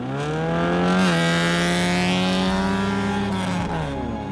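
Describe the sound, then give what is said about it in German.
A car engine revs hard and steadily at a practice race start in Jämtland, central Sweden, its pitch climbing then easing back, loud throughout with no voices over it. “Mit Schwester Emily testet sie noch einmal den Start.”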